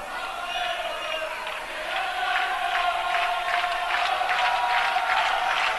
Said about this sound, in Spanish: Y se escucha ahí a la afición azulina, que disfruta de este 0-1.